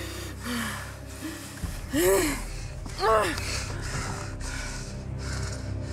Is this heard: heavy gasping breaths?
yes